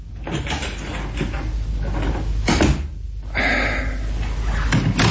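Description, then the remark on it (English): A lounge room door swings and thuds shut, a solid knock against a steady background hiss, with some scraping and rattling around it and no one speaking. “Now, go into the lounge room there and shut the door after you, will you?”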